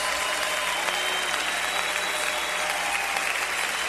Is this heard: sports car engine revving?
no